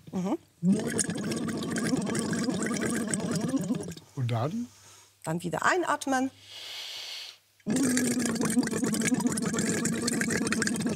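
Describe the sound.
Short bursts of bubbling as a person blows air into water through a tube held in the mouth and resting lightly on the tongue, trying to make a tone. It comes in two or three brief spells, with people talking before and after.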